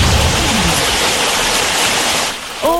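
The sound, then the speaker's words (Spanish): Heavy rain pours in a dense, steady roar of hiss that barely changes, with a faint falling tone at the start and a short voice-like sound breaking in at the very end. “¿Cómo se escucha la lluvia por ahí? El sonido de la lluvia.”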